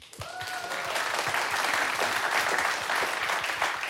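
An audience claps steadily to vote for a contestant in a competition round, the applause rising quickly and holding at a loud, dense level throughout, with a brief whistle near the start.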